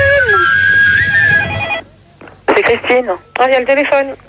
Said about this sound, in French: Oh, il y a le téléphone.